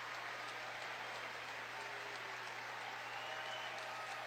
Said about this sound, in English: And listen to this round of applause from the Tar Heel faithful for their stud ace, Jason DeCaro.